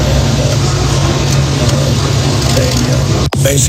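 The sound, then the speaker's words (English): A Harley-Davidson motorcycle engine starts and rumbles loudly, a deep, steady throbbing idle that holds for several seconds before a brief cut and then picks back up. “They got him on the back of a motorcycle. Even John started the Harley.”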